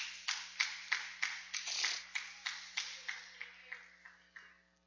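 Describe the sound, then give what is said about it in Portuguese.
A group claps hands together joyfully in praise to Jesus in a steady, quick rhythm, about a dozen and a half sharp claps that stay lively and then gradually soften and fade out, with no voices. “Poder se assentar e louvar as palmas bem alegre para Jesus.”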